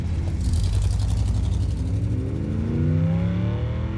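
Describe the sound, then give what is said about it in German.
A car engine hums steadily as it drives in traffic, its pitch rising as it accelerates, with a constant low rumble and road noise underneath. No one speaks. “Und wenn der Verkehr sie aufhielt, bremste er ab, bis sie wieder in Sicht kamen.”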